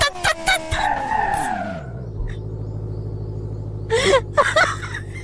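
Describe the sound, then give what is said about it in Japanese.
A video game car skids and spins out, engine tones sweeping downward into a steady low rumble, with a couple of short bursts of voice-like chatter near the end. “車が回転した。”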